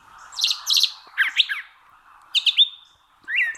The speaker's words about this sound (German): Also solche Vögel, die können deswegen auch mal zwei verschiedene Töne quasi gleichzeitig erzeugen und gewissermaßen zweistimmig mit sich selbst singen. Und das hört sich dann etwa so an.